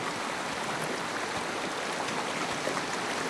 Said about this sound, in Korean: 해질녘 바람에 스치는 마른 갈대 너머로 첨벙거리는 소리가 났다.